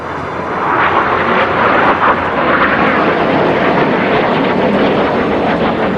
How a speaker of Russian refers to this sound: Истребители F-16 под контролем организаторов переворота начали низко летать над Анкарой, по-видимому, чтобы запугать население.